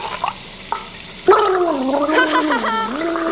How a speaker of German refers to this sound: Vielleicht reicht ja auch ein bisschen gurgeln.